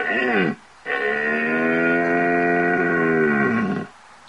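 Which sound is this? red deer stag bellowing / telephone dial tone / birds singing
red deer stag bellowing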